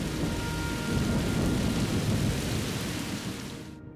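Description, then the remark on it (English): A thunderstorm that returns again and again over 12 hours: a deep, sustained rumble of thunder swells and rolls beneath a steady hiss of heavy rain, fading slightly toward the end with no voices. “Over the next 12 hours, the storm returns again and again.”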